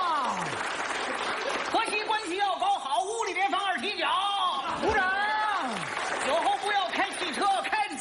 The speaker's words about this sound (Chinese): 长时间鼓掌。